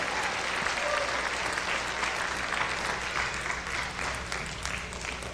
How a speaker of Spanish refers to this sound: Me asiento unos minutos y dele un aplauso fuerte al Señor. Un aplauso no vale si no glorificas.